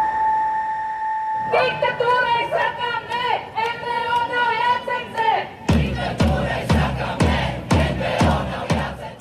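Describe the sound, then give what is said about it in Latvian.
About 200 protesters gathered at the Freedom Monument in midsummer chant loudly in unison against a government plan to review NGO funding, voices rising and falling in a steady rhythm, then breaking into sharper, punchier shouted beats for the last few seconds. “Vasaras vidū pie brīvības pieminekļa pulcējušies aptuveni 200 cilvēku. Viņi protestē pret valdības ieceri pārskatīt nevalstisko organizāciju finansējumu un pauž atbalstu pilsoniskajai sabiedrībai.”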